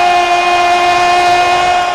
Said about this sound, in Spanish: Y momento de que suene la campana. Vamos a ver qué nos depara. Ahí suena la campana y vamos a, al anuncio oficial.